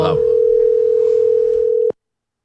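A telephone ringing tone on a call from a father to his son: one steady, mid-pitched electronic tone holding for about two seconds before cutting off abruptly, with a brief bit of voice at the very start.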